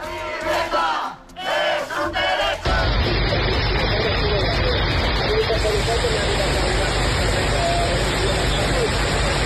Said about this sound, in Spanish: Será el sonido de la tromba de agua que ha caído en Cataluña. Hasta ahora sigue la alerta excepcional por las lluvias que han descargado con mucha fuerza y que han superado los 200 litros por metro cuadrado en apenas unas horas